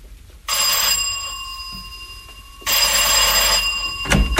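A doorbell at a house's outer door rings twice with a bright, metallic electric buzz: one long ring lasting about two seconds, a brief pause, then a shorter second ring, followed by a soft thump.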